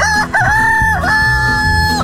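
A rooster crows loudly, a long, drawn-out cock-a-doodle-doo with a short break partway through, over a steady low background hum.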